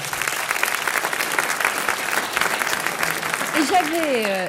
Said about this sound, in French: Ça mérite un petit applaudissement. Oui.